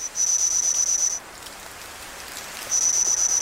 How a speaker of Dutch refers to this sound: Op basis van fossiele resten van deze insecten heeft een team Engelse en Chinese wetenschappers deze geluiden weten te produceren.